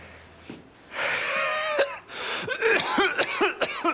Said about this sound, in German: Starkes Atemgeräusch.